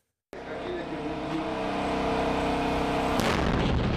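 A simulated strike explosion from a test of an attack drone built by the Nigerian drone company Unicorn bursts out of silence with a loud, sudden boom, then a sustained low rumbling roar, and a second sharp blast cracks through near the end. No one speaks.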